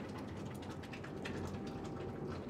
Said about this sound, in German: So, und jetzt muss ich mal gucken, sonst läuft mir der Kübel über. Gleich nebenan fließt das Zink über eine Rinne in einen Kübel.